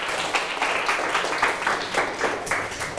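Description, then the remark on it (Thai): A group of students in a class applauds together for the representative of group 4, a steady patter of many overlapping hand claps at an even loudness throughout, with no talking over it. “ปรบมือให้ตัวแทนกลุ่ม4นะครับ”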